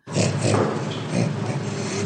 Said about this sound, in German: Beim Orang-Utan funktioniert Lachen noch eher gleichförmig. Wie auf Knopfdruck. Es klingt im Grunde jedes Mal sehr ähnlich.